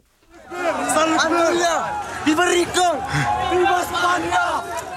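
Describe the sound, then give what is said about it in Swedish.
A large crowd in the Spanish enclave of Ceuta in North Africa runs at full speed toward a hill, several jumping over a fence and shouting "Viva España!"; many overlapping voices shout and yell together in a dense, continuous, loud roar with no pauses. “En stor folkmassa springer i full fart mot en kulle i ett videoklipp från nyhetsbyrån Reuters.”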